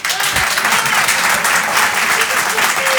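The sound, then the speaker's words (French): An audience claps steadily for about three seconds to answer a question asking who has thought about changing jobs in recent months. The clapping is a dense, even wash of many hands with no clear individual beats, and no one speaks over it. “Qui, par applaudissement, a pensé à changer de travail ces derniers mois?”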